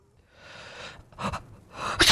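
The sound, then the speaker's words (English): A person imitates a sneezing fit while acting out a fake sick day: a long breathy inhale builds up, then two sharp, exaggerated sneeze bursts follow close together, loud, with no talking. “I've had these sneezing fits.”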